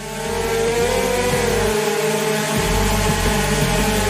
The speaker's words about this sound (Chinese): 只见无人机缓缓飞向墙面，一下又一下的撞击，神奇的一幕出现了。有了铠甲保护的无人机，连续撞墙后，桨叶不受撞击影响，仍能保持稳定的飞行状态。